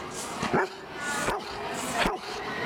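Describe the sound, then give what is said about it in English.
A dog named Rip barks three times at a steady pace, sharp yips rising out of a faint background murmur, moderately loud. “He probably wants to say goodbye and thanks for having me.”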